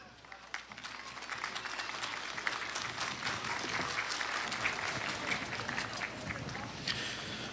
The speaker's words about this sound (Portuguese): Esta foi a homenagem à pátria do Movimento Bandeirante, Núcleo Anitta Garibaldi. Vamos aplaudir!